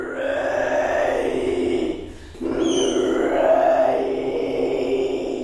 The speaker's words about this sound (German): Mit ihrer schwarzen Anzughose, cremefarbenen Bluse und dem roten Biennale-Stoffbeutel sieht sie aus wie eine typische Besucherin. Ihre unheimlichen, knurrenden Kehlgeräusche verschlagen einem die Sprache.